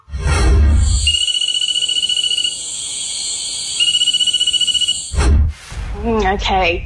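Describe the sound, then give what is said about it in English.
Two bursts of rapid, clicking pulses from a nursery frog of the genus Cophixalus (exact species unknown), each lasting about a second, ring out over a constant high-pitched buzz of insects in a night chorus, followed by a brief louder thump. “I'm not copping out of this one, but I think it's a Cophixilis frog, so a nursery frog, but I can't tell you the exact species.”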